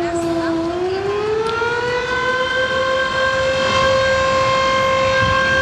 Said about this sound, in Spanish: En estos momentos suenan las sirenas de las 10 compañías de bomberos de acá de Valdivia, lo que marca el inicio de este simulacro donde, recordemos, se va a simular un terremoto de magnitud 8.8